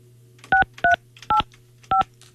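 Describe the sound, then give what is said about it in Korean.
Four short, crisp keypad dialing beeps sound in an uneven rhythm, each a clean two-tone chirp, over a faint steady hum with no talking, as a Far East Broadcasting radio host picks up the handset to phone listener number 7026. “자, 다른 분한테 전화하고 있었는데 제 수화기를 들고 네. 한번 전화 한번 해 볼게요.”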